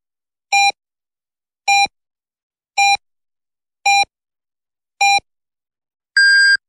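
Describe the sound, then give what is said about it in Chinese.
Radio hourly time signal marking 10 o'clock Beijing time on Renqiu Media Center general broadcast, FM 103.4: five short, evenly spaced electronic beeps about a second apart, then a longer, higher-pitched final tone marking the hour. Clear and steady, with no voices. “北京时间10点整。”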